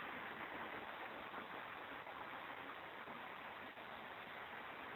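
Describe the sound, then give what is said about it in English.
Steady, continuous rush of the flowing Klamath River, even in loudness throughout, with no voices or other distinct sounds breaking through. “Klamath River here, the last time I was here.”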